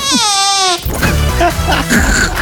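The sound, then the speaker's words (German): A woman's voice makes a short, squeaky, wavering sound imitating a tiny baby fart, performed from a written fart description, loud, and people immediately start talking over it. “Da steht eine Furzbeschreibung drauf und dann macht sie die.”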